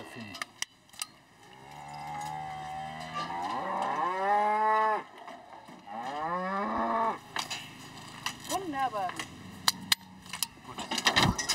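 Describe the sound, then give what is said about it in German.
An Angus bull bellows several long, drawn-out moos during hoof trimming, rising and falling in pitch, with sharp metallic clicks and rattling as new ear tags are clicked into the old holes. “Der Angus-Bulle hat seine Ohrmarken verloren.”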